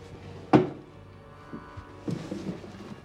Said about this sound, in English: He crosses to the desk. There's a silver teapot and a china cup and saucer on lace doilies. He searches drawers.